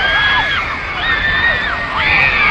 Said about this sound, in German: Schließlich steigen sie die Stufen der Gangway hinab und sehen, die kreischenden Teenager schwenken Plakate und selbstgebastelte Banner mit Herzen